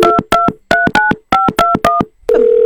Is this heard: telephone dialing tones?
yes